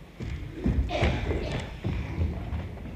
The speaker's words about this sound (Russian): Наташа, кажется, стучат, там пойди посмотри.